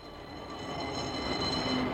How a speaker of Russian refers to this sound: Что говорит тебе, мой слушатель, этот бегущий трамвайный вагон? Дрогнуло ли твое сердце, когда ты услышал его не среди шумной уличной симфонии, а так вот одиноким и неожиданно громким?